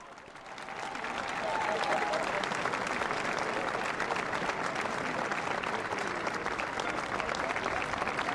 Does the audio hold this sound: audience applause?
yes